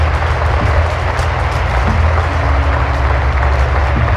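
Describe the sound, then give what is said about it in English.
An audience claps steadily, a dense, continuous wash of many hands that stays loud throughout, with a low rumbling hum running underneath and no voices standing out. “Oh, you're clapping, I know you're happy, but hold it just a moment.”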